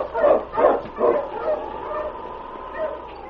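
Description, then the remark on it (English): A sled dog, Old Timer, told to stay behind as the team heads out on the trail, whimpers and yips in quick bursts, three sharp high cries in the first second followed by a drawn-out, wavering whine that trails off into softer whimpers. “Here, Old Timer, you stay here, boy.”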